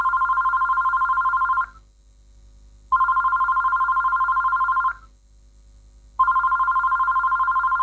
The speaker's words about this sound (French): Son téléphone sonne, puis il se réveille.